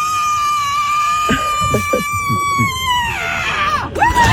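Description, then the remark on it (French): A woman lets out an extremely loud, piercing scream, measured at 121 decibels, as loud as a jackhammer, the winning scream of a contest in San Francisco, holding one shrill high note for about three seconds before it sags and breaks, then a short second shriek rises at the end. “La gagnante, je vais vous faire écouter, ne bougez pas, a hurlé à 121 décibels, soit autant qu'un marteau-piqueur.”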